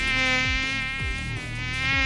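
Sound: mosquito buzzing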